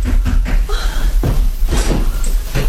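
A door is opened, with a few wooden clunks and rattles of the latch and frame spread across a couple of seconds, and no one speaking.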